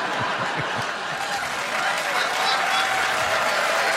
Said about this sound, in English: That's knowing the room right there. We're in Winnipeg. Yeah, oh, there you go. Yeah. Regina will really appreciate that applause break.